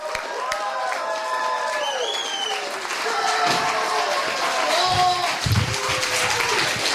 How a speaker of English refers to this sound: Please give a big, loud, huge round of applause for our headlining comic